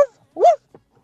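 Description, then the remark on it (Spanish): A person imitates a dog's bark with a single loud, rising-and-falling vocal yelp, followed by a faint short grunt, with silence around it. “Y este es mi ladrido.”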